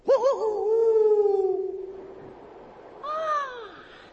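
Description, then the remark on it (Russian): A person's voice imitates an eagle owl's call: a long, wavering, moaning hoot that fades out, then after a short pause a briefer second cry, loud. “Ну слушай, как я филином закричу, и тебе смешно будет.”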